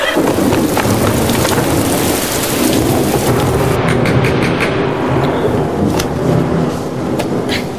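Heavy rain pours steadily while deep thunder rumbles and rolls throughout, a loud, dense thunderstorm with no voices.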